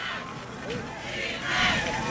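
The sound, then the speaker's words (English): The Newfane cheerleaders and their traveling crowd cheer and shout steadily at a football game against Southwestern Frewsburg, tied at 8 in the third quarter. Chanting voices rise into a louder swell of yelling near the end, and the noise stays dense and continuous throughout. “And you can hear the Newfane cheerleaders and crowd that made the 2.5-hour drive from across the way.”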